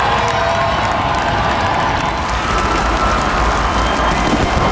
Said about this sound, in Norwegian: Titusenvis hadde samlet seg for å hylle landslagsgutta. Gående samlet ut på Slottsplassen til jublende applaus og garden oppstilt, fikk VM-heltene endelig møte folket som har heiet dem frem.